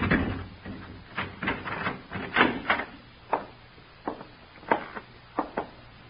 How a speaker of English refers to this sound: Here, open the door. Keys, sir? Yes, Larry gave them to me months ago.